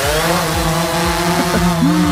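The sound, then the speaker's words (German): A steady, buzzing motor drone with several harmonic layers, wavering and shifting pitch slightly as it passes: shuttle drones flying overhead over Essen, between Huttrop and Kupferdreh; no voices present. “Genau, es sind Drohnen und zwar welche, die in dieser Woche über Essen fliegen.”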